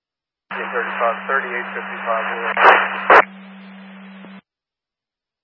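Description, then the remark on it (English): A burst of garbled two-way radio transmission, thin and band-limited with a steady hum, muffled unintelligible voice breaking up into crackling static before cutting off abruptly. “That was all static.”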